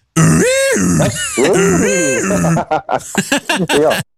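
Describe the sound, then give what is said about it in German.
The horn of a 1927 Ford Model A car sounds two loud, wavering "ah-oo-gah" honks, each rising and then falling in pitch, followed by a rapid run of short, choppy blasts. “Mach nochmal die Hupe.”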